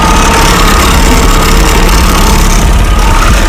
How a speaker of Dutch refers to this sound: We zitten nu in een motorbootje op wij naar de markt, naar alle Steelers.